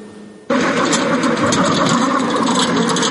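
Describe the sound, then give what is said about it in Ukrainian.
After a brief hush, the engine of a ground robotic vehicle, a 'Hyena' strike drone driven by a trainee learning to operate it, abruptly kicks in and keeps running with a loud, steady mechanical roar and no one speaking. “вчиться керувати наземним роботизованим комплексом.”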